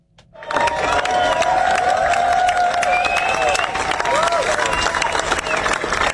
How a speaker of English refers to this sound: The crowd applauded as the procession went past.